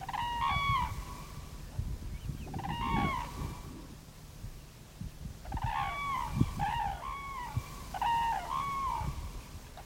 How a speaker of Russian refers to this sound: А если направление полета птицы неопределенно, или она появляется внезапно, в этом случае нужна расторопность, чтобы вовремя успеть уловить в микрофон, например, курлыканье пролетной стаи журавлей.